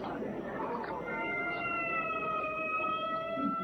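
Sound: ambulance siren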